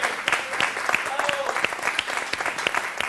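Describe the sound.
An audience applauds steadily, a dense crackle of many hands clapping at an even level for the whole stretch, with a few voices and a brief whistle-like tone poking through.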